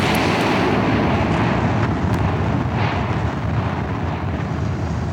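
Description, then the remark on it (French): A volcanic explosion from the mountain, heard on Friday 25 April, rolls out as a loud, deep, continuous roar, a dense rumbling wall of sound that holds steady for several seconds with faint crackles on top and no voices. The ground shakes, house walls vibrate, dishes fall and ash rains on the town. “Une violente détonation venue de la montagne fait trembler le sol.”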